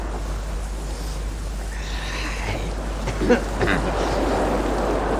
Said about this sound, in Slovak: Zdá sa mi, že počuje more. No počúvajte. Sme celkom blízo.